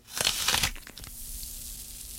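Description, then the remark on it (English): A crisp bite into a Red Delicious apple: a loud, wet crunch lasting about half a second, followed by a few fainter crackles, then a quiet hiss with a low steady hum. “Now, why don't you bite into me and then listen very carefully to the water and the sugar snapping and cracking inside of me.”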